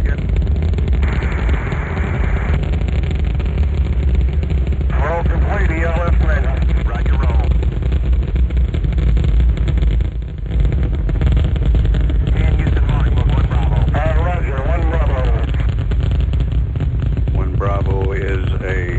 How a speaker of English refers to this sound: We have ignition sequence start. Engines on. 5, 4, 3, 2. All engines running. Launch commit. Liftoff. We have liftoff 49 minutes past the hour.